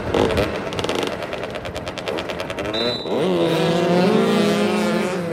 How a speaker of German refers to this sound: Motoball heißt, vier Spieler pro Mannschaft rasen auf Motorrädern über ein asphaltiertes Fußballfeld und versuchen, einen 40 cm großen, 1 kg schweren Ball im gegnerischen Tor unterzubringen.